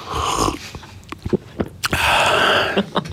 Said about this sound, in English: I mean, you don't need to sip it right next to the microphone, but that's okay.